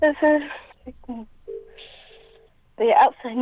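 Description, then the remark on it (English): A phone rings faintly in the background, a brief electronic tone pulsing between bursts of conversation from people talking over it. “You hear another phone ringing in the background.”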